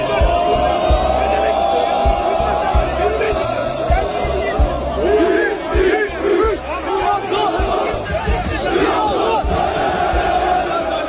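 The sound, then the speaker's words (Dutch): A large crowd in Istanbul cheers and shouts loudly and continuously as footballer Mohamed Salah arrives in a Trabzonspor shirt, a dense roar of many voices with rising whoops and chants layered throughout. “Mohamed Salah landde vandaag in het shirt van Trabzonspor in Istanbul en er werd onder luid gejuich ontvangen.”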